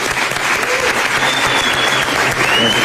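A crowd welcoming a music group applauds steadily, a dense wash of clapping that stays loud and even throughout, with faint whistles rising above it now and then.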